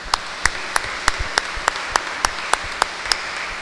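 A group applauds, a steady wash of clapping with sharp, evenly spaced claps standing out in a quick regular rhythm, about three per second, at moderate loudness and with no voices.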